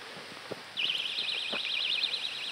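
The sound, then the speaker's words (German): A Vantamo personal safety alarm, which combines a siren with a flashing light, bursts on after a moment of near-quiet with a few soft clicks, then holds a shrill, rapidly warbling high-pitched siren tone, steady and loud, with no talking. “Vantamo funktioniert mit Sirene plus Blinklicht.”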